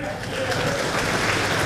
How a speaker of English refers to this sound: That was at the GOP breakfast the morning of the picnic, where party members gave the absent senator a 20-second standing ovation before playing a tribute to McConnell at Fancy Farm over the course of his four-decade-long career.